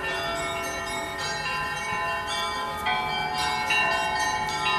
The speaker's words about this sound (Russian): В этот день позвонить в колокола могли все желающие. Были и те, кто прямо в этот момент с ними только познакомился. Опытные звонари делились секретами красивого звона с начинающими.